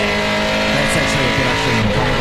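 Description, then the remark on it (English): A Supercars race car engine revs loudly and steadily for about two seconds, a rich buzzing drone with pitch swells that rise and fall slightly. “Oh, that's a sexy sound though.”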